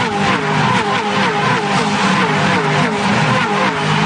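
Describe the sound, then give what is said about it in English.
Loud, sustained roar of racing car engines at high revs, with rising and falling harmonic whines as several cars accelerate past on a racetrack, running close to the fence and up under a tree as they come across the mountain for the second time, continuous for the whole stretch. “So close to the fence. Brilliant up under the tree as they come across the mountain for the second time.”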